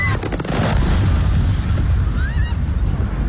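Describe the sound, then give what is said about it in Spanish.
Loud, rumbling blasts of drones exploding on impact against a warehouse of the Russian e-commerce company Wildberries and other facilities in Moscow, a heavy low-end roar with sharp bursts near the start, sustained throughout with faint high whistling tones and no talking. “Es el sonido de los drones impactando contra un almacén de la empresa rusa de comercio electrónico Wildberries, lo que sería el Amazon ruso, y contra otras instalaciones de Moscú.”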